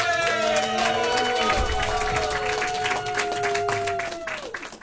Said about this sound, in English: Everybody, start clapping and cheer for your host.